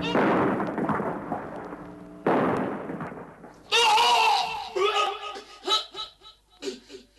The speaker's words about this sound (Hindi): Major Sharma एक जगह magazine में गोलियां भर ही रहे थे कि दुश्मन का एक बम उनके बगल में पड़े एम्यूनिशन के भंडार पर आ गिरा।